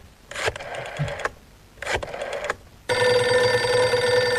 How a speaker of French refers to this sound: Deux secondes. Je compose un numéro de téléphone.